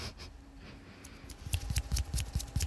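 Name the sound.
hand clapping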